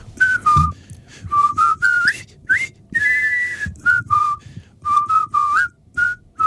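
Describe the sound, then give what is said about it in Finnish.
A jaunty marching tune whistled in short, bouncy phrases with brief pauses by captured British soldiers in a film as they go to build a bridge over the Kwai River, clear, over a faint low rumble and no talking. “niin muistaa sen hauskan vihellyksen, jota nämä kiinni otetut brittisotilaat viheltävät silloin, kun he menevät rakentamaan tätä Kvaijoen siltaa.”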